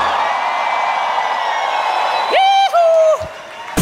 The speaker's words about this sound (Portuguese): Só quem é filho de Deus aí dá um grito.